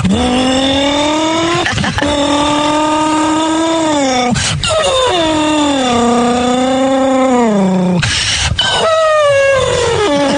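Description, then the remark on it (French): A voice imitates a racing car engine with a loud, continuous buzzing drone that rises and falls in pitch, broken by a few quick breaths, sustained for about ten seconds. “C'est faire voyager la voix, Puis travailler aussi comme j'aimais bien faire le bruit de la voiture de course aussi.”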